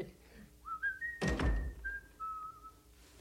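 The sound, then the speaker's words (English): A person whistles a simple melody of sustained, shifting notes, fairly clear, interrupted midway by a brief dull thump. “Nice to hear you whistling again.”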